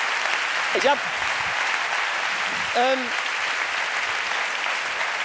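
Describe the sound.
A crowd applauds with steady, dense clapping for the whole stretch, and a couple of brief voices shout or whoop over it near the start and the middle.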